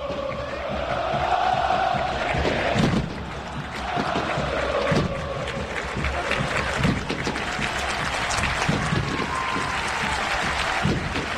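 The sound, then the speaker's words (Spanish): A huge football crowd at the Gigante de Arroyito stadium roars and cheers continuously before a match against Corinthians, a dense wash of voices with swelling chants and scattered claps, loud and sustained throughout. “habrá que estar a la altura de este gran marco de público que tenemos en un gigante de Arroyito, que es una verdadera fiesta, Gato.”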